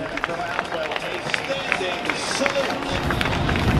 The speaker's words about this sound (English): So the young man gets off the field in his own power, and nice round of applause by this Villanova crowd. As I mentioned, one of the better crowds I've ever seen here.